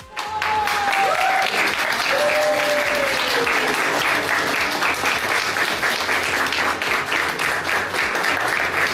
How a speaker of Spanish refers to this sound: Y que, por supuesto, también fue ovacionado con muchos minutos de aplausos continuos. Lo acabo de ver.